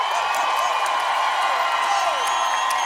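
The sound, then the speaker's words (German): A large audience applauds and cheers in a steady, dense roar, with clapping, scattered whoops and whistles blending into a continuous wash of crowd noise that holds loud throughout. “Kann ich bitte einen riesengroßen Applaus haben für Andi Wittmer, Ilana Walker und Chantal Frauenknecht.”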